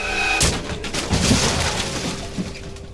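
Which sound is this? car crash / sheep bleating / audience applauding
car crash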